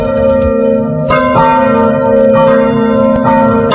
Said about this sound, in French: Le carillon sonne sur Sud Radio, André Berkoff, et pour cause, depuis le 4 février dernier, eh bien une querelle de clochers secoue le village de Quélen-Saint-Gaud, dans le sud de la Mayenne.